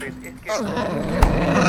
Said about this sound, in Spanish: Es muy temprano para que empieces a ladrar.